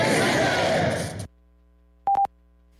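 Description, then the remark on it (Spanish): A large crowd shouts back in unison, loud, during the roll call at a ceremony for a deceased police officer, for about a second before cutting to silence, followed by two short electronic beeps. “El momento más emotivo, las balas de salva, el pase de lista, el minuto de silencio, los aplausos.”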